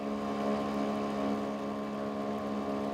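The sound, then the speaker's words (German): The motor of a sailboat on the Großer Schweriner See in Mecklenburg runs at a steady idle, a continuous droning hum with strong low harmonics and no breaks, heard alone with no talking. “Ein bisschen motorisierter Anschub darf es sein, aber dann übernimmt der mecklenburgische Wind.”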